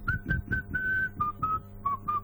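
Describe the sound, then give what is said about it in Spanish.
Someone whistles a short, bright melody of distinct notes, some held longer, in a steady rhythm, with soft low-pitched background noise underneath and no talking. “Buen día, qué lindo ese silbido.”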